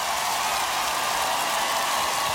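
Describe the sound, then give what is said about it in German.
Dense, steady applause from a large crowd at the Hurricane festival cheering a band, a continuous wash of countless hands clapping at once with no individual claps standing out. “Ja, man merkt das sofort, das ist der Applaus für die Band”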